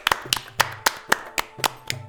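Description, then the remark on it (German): Three people clap loudly after a dancer bows at the end of her dance, about nine sharp claps in a brisk, steady rhythm over two seconds, with no talking and only a faint low hum underneath. “Als Fatima sich am Ende verbeugt, klatschen die drei ganz oft und ganz laut.”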